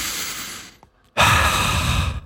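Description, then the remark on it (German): A deep, audible breath in, a brief pause, then a long, louder exhale like a heavy sigh. Both are breathy and rushing, with no talking. “Und jetzt einfach mal ganz tief durchatmen im Auto, ohne Klimaanlage, Lüftung ausmachen.”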